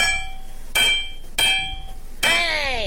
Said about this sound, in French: Mais c'était le marteau, bien sûr.